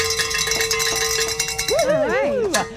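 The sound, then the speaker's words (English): Bells clang and ring steadily in a bright, layered jangle at a radio station celebrating a reached fundraising goal, then a voice joins with rising and falling cheers over the ringing near the end. “Oh, we've got something to celebrate. Yay. Grab your bells.”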